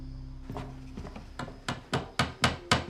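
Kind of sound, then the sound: tool, hammering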